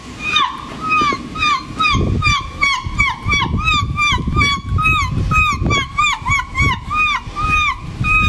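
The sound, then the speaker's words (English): A woman who won a seagull impersonation championship at a festival in Somerset imitates seagulls with a rapid, continuous string of shrill, arching squawks, repeated in quick succession over a low, sloshing rumble of background noise. “If you'd have said, here's some seagulls, I'd be like, yeah, that's seagulls.”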